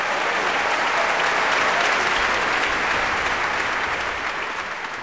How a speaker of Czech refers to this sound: Potlesk publika v sále vídeňského Musikvereinu byl pro solistku výzvou k přídavku a ta setrvala u díla Maurice Ravela